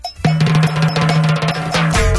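A cowbell clanks out a steady rhythmic pattern in a funky song, its bright metallic tone riding over a sustained low bass note and busy band backing.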